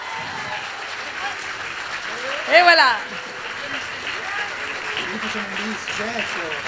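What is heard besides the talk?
audience applause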